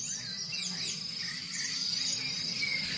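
Birds sing in a quiet outdoor dawn chorus as day breaks, with scattered chirps and short warbling phrases over a steady, high insect drone and a low background rumble.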